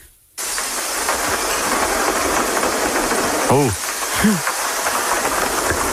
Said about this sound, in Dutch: Het geluid van je jeugd. Dit is wel echt een enorme regenbui. Ja, was het ook zo hard of was het zachter?